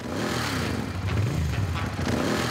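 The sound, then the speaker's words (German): A motorcycle engine runs steadily with a loud, low, throbbing rumble, its pitch rising and falling slightly as it revs, and no voices over it, as a Sunday motorcycle tour starts at the Michel, heading out of the Hanseatic city. “Motor an, Kopf frei.”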